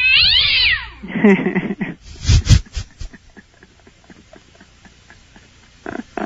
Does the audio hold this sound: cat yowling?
yes